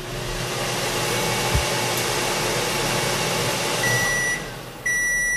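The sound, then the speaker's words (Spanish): A microwave oven run at maximum power, with a person's hip held near it, hums steadily, a constant whirring drone throughout, with a short electronic beep tone from an oscilloscope sounding near the end. “Acerque un poco la cadera al microondas y lo pone a tope, a máxima potencia”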